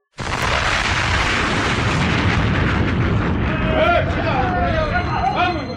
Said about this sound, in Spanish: Una segunda explosión sacude el refugio secreto.